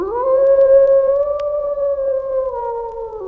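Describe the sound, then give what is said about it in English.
A single wolf howls in one long, sustained note that holds steady and then dips slightly in pitch at the end, loud and clear with no other voices. “The howl of the threatening wolf, that ugly signal of catastrophe, echoes through our culture, repeated in songs, in poems, in movies.”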